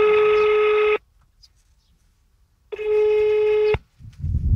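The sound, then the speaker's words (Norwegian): A telephone queue waiting tone on a call to the company One Park, with the caller placed fourth in the queue: two loud, steady electronic beeps, each about a second long, separated by a pause of silence, with a faint rustle starting just after the second one. “Samtalen din plassert I kø. Du plass 4 I køen.”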